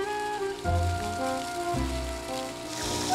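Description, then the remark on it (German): Steady hissing spray of water, a morning shower turned on by a forester for wild boars in their enclosure in hot weather, pattering down like heavy rain, with low rumbling thumps and a faint tonal hum underneath, continuous for the whole stretch without any voices. “Forstwirt Christian Franken hat die morgendliche Dusche angeworfen.”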